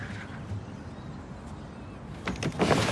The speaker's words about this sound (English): She lifts the window up and looks down at Zig.